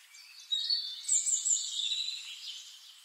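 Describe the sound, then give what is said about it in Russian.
Faint birdsong drifting from far overhead, a steady stream of high chirps and warbling trills with no voices, rising slightly in the middle before softening. “А где-то далеко вверху послышалось знакомое пение птиц.”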